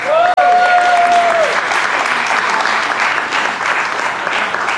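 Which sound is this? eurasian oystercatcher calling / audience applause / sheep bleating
audience applause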